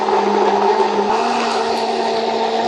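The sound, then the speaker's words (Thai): A blender runs continuously at full power, blending chopped bell peppers with shallots, chili flakes and apple cider vinegar for a sweet pepper jam, giving a loud, steady motor whir with a humming pitch that dips briefly and then settles back into the same churning roar. “ก็คือเบลเพเปอร์นะครับเราหั่นออกมาเป็นชิ้นๆแบบนี้นะครับใส่ลงในโถปั่นพร้อมด้วยหอมแดงพริกป่นและน้ำส้มสายชูแอปเปิ้ลไซเดอร์นะครับปั่นให้เข้ากันครับ”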